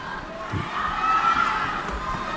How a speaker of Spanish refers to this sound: La gente grita, ¿eh? Y han sido 7 minutos de parón, que no ha sido poco tampoco.